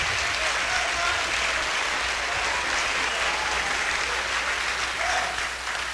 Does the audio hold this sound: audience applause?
yes